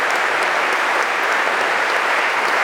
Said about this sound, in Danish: Kæmpe bifald igen til Marc Mouillon og til Concerto Copenhagen under Lars Ulrik Mortensen.